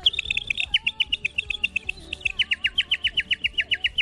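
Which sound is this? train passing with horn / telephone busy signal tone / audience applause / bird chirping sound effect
bird chirping sound effect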